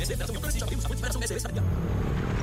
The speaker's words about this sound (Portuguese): Amor, ouviu essa moto? Deve ser um entregador.